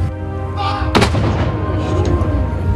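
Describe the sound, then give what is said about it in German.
A single loud cannon shot fired by a gunner cracks out about a second in, then rumbles away beneath a steady, humming background that continues to the end. “So, ladies and gentlemen, how about giving three big cheers to our gunner?”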